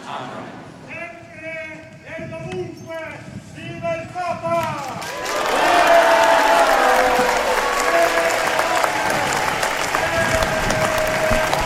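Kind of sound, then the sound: crowd, crowd applauding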